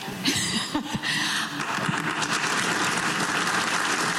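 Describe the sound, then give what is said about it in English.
Delegates from western provinces and states in Edmonton break into sustained applause at talk of Alberta staying in Canada during Alberta Premier Danielle Smith's talk: a dense, steady wash of many hands clapping that holds at an even level throughout, with a few sharper claps near the start and no talking. “Talk of Alberta staying in Canada, getting a round of applause during Premier Danielle Smith's talk about what the province can offer North America.”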